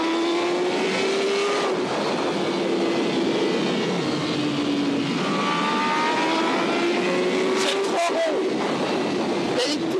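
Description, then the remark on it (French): A car engine screams at high revs on a racetrack as the car takes three very fast right-hand bends in a row, its pitch rising and falling in long sweeps through gear changes, loud and continuous across the whole stretch. “Et ça enchaîne sur trois virages à droite. Hyper rapide. Elle accède, ça hurle.”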